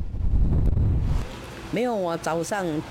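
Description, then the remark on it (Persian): Strong typhoon wind blowing at about 100 km per hour in Taipei, Taiwan, roars and buffets the microphone in a loud, low rumble for about a second, then drops away as a person begins speaking. “وزش باد با سرعت 100 کیلومتر در ساعت در تایپه پایتخت تایوان باعث چپه شدن درختان و طغیان دریاها شده.”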